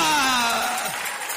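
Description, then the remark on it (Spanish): An audience claps for the Lord in a dense, steady wash of applause while a voice holds a long, gliding tone over it. “Dale un fuerte aplauso al Señor, mi hermana, mi hermano.”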